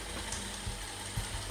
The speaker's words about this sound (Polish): Na razie odkurzacz zmierza do bazy. Taka historia.